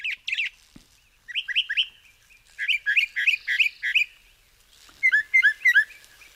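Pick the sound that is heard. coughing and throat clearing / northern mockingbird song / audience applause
northern mockingbird song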